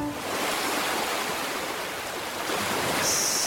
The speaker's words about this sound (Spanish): Estamos en pleno mar.